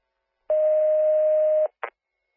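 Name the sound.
radio dispatch alert tones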